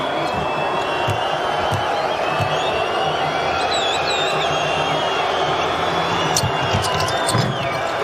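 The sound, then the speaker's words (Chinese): A basketball arena crowd that includes many Chinese fans murmurs and chatters steadily throughout, with scattered ball bounces and a few high sneaker squeaks cutting through the constant din. “今天也有很多中国的球迷观众到现场来观看比赛”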